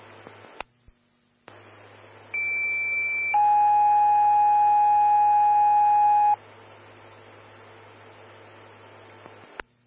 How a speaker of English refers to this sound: Charlie 114, standby for tones on a hemorrhage.